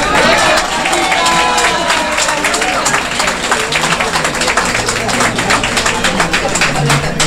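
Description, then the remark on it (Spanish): Loud, sustained audience applause for a singer after her performance of a song, with dense, rapid clapping throughout, mixed with crowd voices and cheering that stand out most in the opening seconds. “Le quiero pedir un fuertísimo y grande aplauso”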